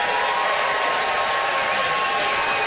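An audience voting by applause for a contestant on stage breaks into steady, dense applause, many hands clapping at once in a continuous crackling wash that holds at an even, fairly loud level throughout, with no voices on top.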